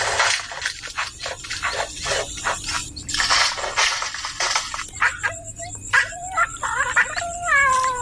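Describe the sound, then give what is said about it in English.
A bowerbird in a River Red Gum mimics a cat, giving several wavering, meow-like calls after a stretch of scratchy, noisy bursts, moderately loud with no talking. “Not only did our bow bird mimic cats, but what can only be described as someone messing around in the men's shed.”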